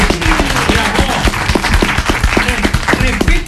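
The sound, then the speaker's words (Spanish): A crowd applauds the notary who certified the real weights of three suitcases. Many hands clap in a dense, continuous patter at a fairly loud, even level for a few seconds, with no clear voices over it. “El aplauso para Cristina.”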